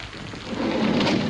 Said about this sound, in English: Raining a bit.